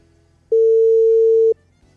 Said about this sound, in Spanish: Así que atentos al teléfono. Suena. No sé si va a atender.